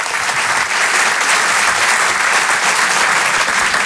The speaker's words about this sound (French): Je vous demande de l'encourager et de l'applaudir très chaleureusement s'il vous plaît.